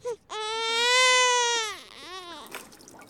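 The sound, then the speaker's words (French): A baby wails loudly in one long, sustained cry, then catches its breath and lets out a shorter, wavering sob. “Si on avait enregistré un bébé qui pleurait.”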